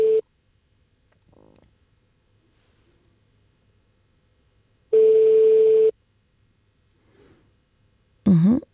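A telephone ringback tone sounds in steady one-second bursts separated by long silences, a flat electronic tone repeating as an early-morning call to a man in Borensberg on his 80th birthday goes unanswered, with faint background noise between rings and no talking.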